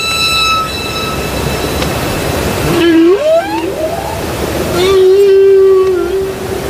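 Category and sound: animal, humpback whale song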